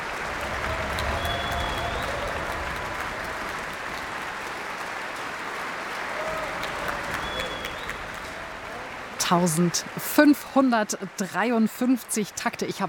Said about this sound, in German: Jetzt gibt es noch einmal viel Applaus für die Bläser und besonders für das Horn-Solo.